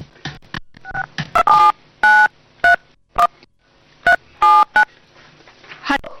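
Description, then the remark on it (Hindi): A phone keypad being dialed to call a grandmother: a quick series of crisp DTMF beeps in uneven bursts, some short and some held longer, clear with faint background noise between tones. “हाँ बेटा, तुम्हारे फोन का इंतजार कर रही हूँ।”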